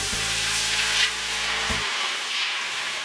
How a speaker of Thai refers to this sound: นำกระทะทองเหลืองตั้งเตาเทเอาน้ำเปล่าลงใส